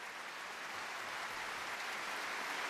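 crowd, concert audience applause

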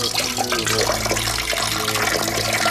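household object, water poured

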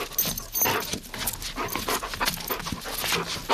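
animal, dog panting

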